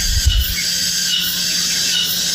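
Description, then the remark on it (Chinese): A continuous high-pitched ringing hum, like cicadas chirping, simulating tinnitus; steady and fairly loud throughout with layered shrill tones, plus a brief low rumble at the start. “哦，这个就是蝉鸣。”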